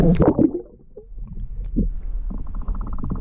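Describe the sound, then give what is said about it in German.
A hand plunges into very clear water, about 5 meters deep, in a hand-built pool once used for ritual washings, with a quick splashy swish, followed by gentle sloshing and soft dripping over a low steady hum. “Darf ich da mal reinfassen? Ja, klar. Das ist ganz klares Wasser.”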